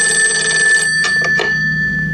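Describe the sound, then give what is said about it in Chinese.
A telephone bell rings loudly, a continuous metallic trill with a few sharper bursts near the end, as a call is put through to Xue Boling. No one speaks. “立即给我接通薛伯陵电话。”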